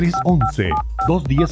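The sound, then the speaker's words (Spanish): A rapid run of about five telephone keypad dialing tones, short clear beeps at a steady pace, layered over a person talking throughout. “Teléfono directo en cabina”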